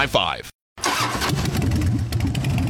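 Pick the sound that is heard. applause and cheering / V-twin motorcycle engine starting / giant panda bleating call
V-twin motorcycle engine starting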